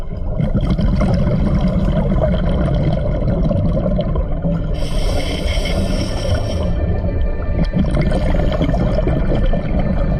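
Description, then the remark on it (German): Muffled, steady underwater rumble as a diver breathes through a regulator while diving in the Aare river, with a hissing, bubbly exhalation burst in the middle and another softer one near the end. “Der eigene Schnauf ist das einzige Geräusch, das man hört.”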